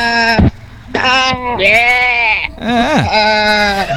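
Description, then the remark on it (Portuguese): Several loud goat bleats in a row, wavering and nasal, with short gaps between calls and no one talking. “Esqueci das cabras. Cadê minhas cabritas?”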